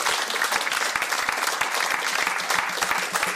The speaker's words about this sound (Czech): Zatleskáme Šimonu Ornestovi.